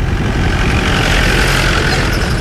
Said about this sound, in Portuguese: conduz o jipe que entra devagar aos solavancos pelo único caminho de terra que atravessa Corno de Bico, como sinaliza a placa de madeira que fica para trás.